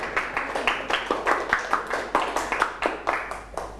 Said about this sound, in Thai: โอเคยอดเยี่ยมมากปรบมือให้เพื่อนหน่อยครับ